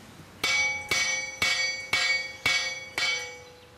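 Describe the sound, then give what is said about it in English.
A large metal bell on a plantation rings out six times in a steady, even rhythm, each clang about half a second apart, its bright ringing tone overlapping the next strike. Fairly loud, with no voices. “And if they try to escape, they'd ring the bell.”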